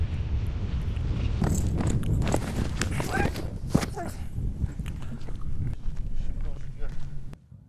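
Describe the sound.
A horse, Xiaohei, stamps its hooves on the ground during training at a cavalry company, frequently tossing its head, in a series of irregular thuds and scuffs, with people talking in the background.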